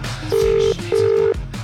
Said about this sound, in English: Beep, beep, beep, beep. Ringing.